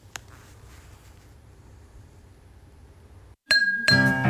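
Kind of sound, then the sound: household object, glasses clinking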